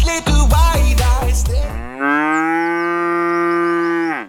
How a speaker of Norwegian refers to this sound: Da der var lyden av ei ku på utmarksbeite.